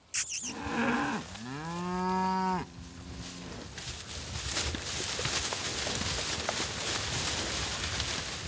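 A cow in a grazing herd on a pasture plot lets out a long, loud moo that rises and then holds steady, followed by a softer, shorter lowing call, with rustling and shuffling noises continuing afterward.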